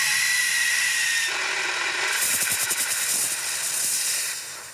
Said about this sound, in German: Dann geht's los mit den Pulverlöschern. Wie lange spritzen sie und wie weit? Laut Experten sind 2 Meter die Mindestlänge, die ein Feuerlöscher dieser Größe erreichen sollte. Okay. 3, 2, 1, Feuer.